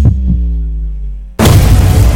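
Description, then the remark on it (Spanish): A heartbeat effect in a station ident for Radio del Sur 98.5: two deep, quick thumps over a sustained low humming tone, which cuts abruptly into a loud, dense rushing noise. No one speaks. “La señal internacional que nació para escuchar los, para latidos, escuchar los latidos de la patria grande.”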